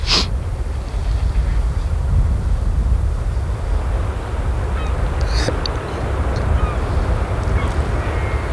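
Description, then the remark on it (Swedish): Steady low wash of lapping water waves fills the scene, with a few faint gull calls breaking through now and then, including a brief sharper cry midway. “Fina vattenljud. Lite måsar och vågor.”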